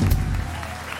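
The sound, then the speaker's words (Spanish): A brief burst of audience applause to send off Don Lorenzo de Manteclaro: steady, dense clapping that fills the space, with a low rumble at the start and a faint hint of voices underneath. “Muchas gracias, un aplauso para despedir a Don Lorenzo de Manteclaro.”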